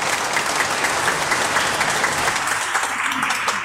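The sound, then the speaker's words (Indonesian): A crowd applauds the Bible apostolate section (kerasulan kitab suci) of a church, many hands clapping in a dense, continuous patter at an even, fairly loud level throughout, with no voices standing out. “Silahkan tepuk tangan untuk si kerasulan kitab suci.”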